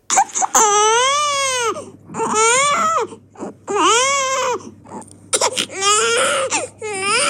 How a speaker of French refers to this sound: Alors attention, ça ne va pas forcément être agréable. Écoutez ce cri de bébé.